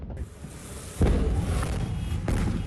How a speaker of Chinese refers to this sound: 大火在2个多小时之后扑灭，经调查发现空地埋有铝和镁，遇水后引发连环大爆炸。 消防员还以为火势受控，不料突然大爆炸。